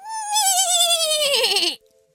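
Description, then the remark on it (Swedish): A person imitates a horse neigh: one loud, quavering whinny that wobbles and slides downward in pitch for under two seconds, then cuts off into silence. “Är du bra på att gnägga”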